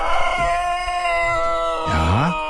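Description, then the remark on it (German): A rooster crows, a loud, drawn-out call with wavering, sliding pitch that rises and falls across a couple of seconds, heard on its own. “Ja, das sind Hühnerrassen.”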